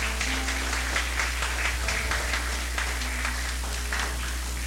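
An audience applauds steadily for several seconds, a dense wash of many hands clapping at once over a low constant hum, with no voices standing out.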